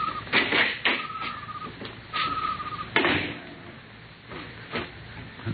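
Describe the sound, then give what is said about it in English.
A small door around the side of a silo opens in the dark with a drawn-out squeaky creak amid several sharp knocks and thuds, moderately loud, with no one speaking. “Here's the door.”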